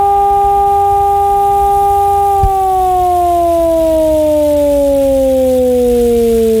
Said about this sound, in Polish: Podczas ćwiczeń emitowane będą dwa rodzaje sygnałów. Ogłoszenie alarmu to modulowany dźwięk syreny, trwający 3 minuty.